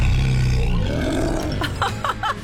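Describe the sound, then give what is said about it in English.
A young child dressed as a tiger cub, with costume ears, growls out a playful imitation of a tiger cub's roar for its mother, loud, one rough sustained rumble trailing into a few short breathy vocal bursts. “Now let mommy hear you roar.”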